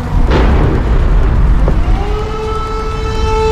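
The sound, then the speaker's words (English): A heavy explosion from a massive Russian ballistic missile attack on Kyiv booms out over a constant low rumble, followed a second later by a sharper, fainter blast, and then an air raid siren begins to wail. “It's soon followed by the sound of explosions.”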